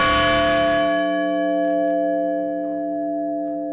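A single deep memorial bell strikes and rings out in Shanksville, honoring the 40 lives lost on United Airlines Flight 93, its rich overtones humming and slowly fading over several seconds, with no voices present.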